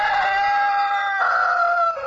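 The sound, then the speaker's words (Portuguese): A rooster crows loudly, one long drawn-out call with a slight shift partway through, sustained for about two seconds with no talking. “Primeiro galo, canta galo.”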